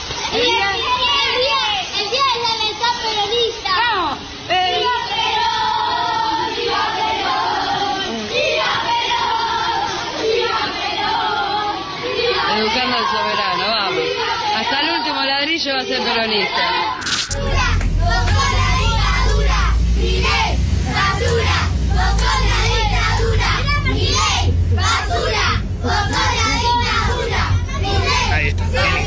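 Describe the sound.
A crowd of seven-year-old children chants a political chant together in loud, rhythmic unison, their voices bright; partway through, a deep rumbling background noise swells up beneath the chanting.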